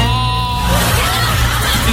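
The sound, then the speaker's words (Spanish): A woman yawns loudly, starting with a drawn-out voiced, slightly bleating tone that dissolves into a long breathy exhale, lasting about two seconds with no talking. “Mira, mira, la señora va a bostezar.”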